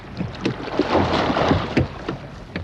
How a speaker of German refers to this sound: Der Ruderer taucht das Ruder ins Wasser. Mit der Kraft aus seinen Armen zieht er das Ruder im Wasser genau in die Richtung, in die er nicht fahren will. Er schiebt also das Wasser zur hinteren Seite des Boots. So bewegt er das Boot vorwärts.